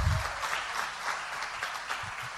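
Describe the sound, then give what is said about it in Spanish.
An audience applauds a former player of the team steadily, a dense wash of many hands clapping at an even level throughout, with a brief low thump at the very start. “Bueno, ese aplauso para el amigo”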